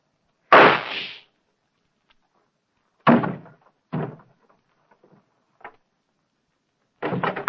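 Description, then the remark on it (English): A single loud, sharp gunshot bang from a small flat-handled gun strapped under a coat rings out, followed by several quieter thumps and knocks spread over the next few seconds. No one speaks. “I heard a shot.”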